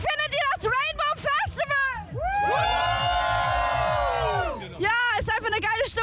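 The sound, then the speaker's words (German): A crowd at the Rainbow Festival at Fühlinger See in Cologne erupts into loud, sustained cheering and high-pitched shouting for a few seconds on a hot day, surrounded by people talking before and after. “Also ihr hört's, die Stimmung hier beim Rainbow Festival in Köln am Fühlinger See ist richtig klasse.”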